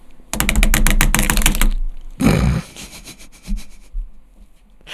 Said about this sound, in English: Nate was using drums, like pens as drumsticks, and one of them broke.